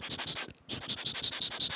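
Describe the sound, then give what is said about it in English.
Pencil scratching across paper in quick, rhythmic strokes, fairly loud, with a brief pause partway through before the steady scribbling resumes. No voices. “So what I can think of firstly is like the writing sounds, mm-hmm. like using pencil on like paper.”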